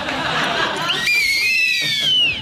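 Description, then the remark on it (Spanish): Two whistles knotted together are blown at once, giving a shrill, wavering pair of tones that hold for over a second, loud, after a brief breathy rush of air. “Dos silbatos que se han anudado y que ya por siempre quedarán anudados.”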